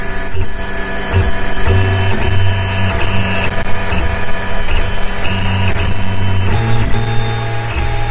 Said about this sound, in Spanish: Así suena una impresora en tres dimensiones, y esta en concreto está imprimiendo una chuleta de ternera, o mejor dicho, algo que se parece a una chuleta de ternera, pero que en realidad solo cuenta con proteínas que provienen del arroz o de las algas